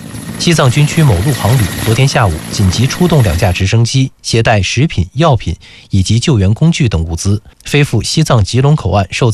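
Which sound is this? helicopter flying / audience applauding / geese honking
helicopter flying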